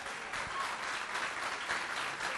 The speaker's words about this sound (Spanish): Me encantó el coro. Vamos a dar un fuerte aplauso.